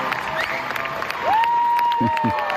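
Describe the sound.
An audience applauds a performer after an improvised solo, in a dense, steady wash of clapping with crowd voices mixed in. Partway through, a sustained whistle-like tone rises and holds above the clapping.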